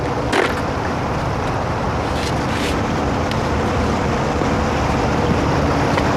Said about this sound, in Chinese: 想不到骑起摩托车来还挺帅的。